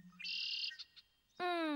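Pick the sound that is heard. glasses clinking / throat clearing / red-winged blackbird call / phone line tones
red-winged blackbird call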